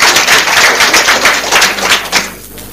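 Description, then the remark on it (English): A loud round of applause from a group for the quiz master at a quiz, dense overlapping claps crackling steadily for a couple of seconds before thinning out at the end. No one speaks over it. “A round of applause for the quiz master.”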